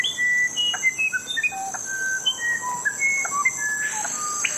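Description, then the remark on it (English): Clear, pure rainforest bird whistles and song notes, including the wide-ranging whistles of the screaming piha and the melodies of the musician wren, ring out in a steady, varied sequence of short tones at different pitches, layered over a constant high hiss of insects in a dense forest. “And there's diversity in sound, too, from the wide-ranging whistles of the screaming piha to the otherworldly melodies of the musician wren.”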